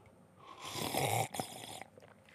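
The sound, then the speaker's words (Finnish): Two loud, airy slurps of coffee during a coffee tasting, a long hissing draw followed by a shorter one after a brief pause, with no talking. “Otetaan ei muuta kuin ryystöt.”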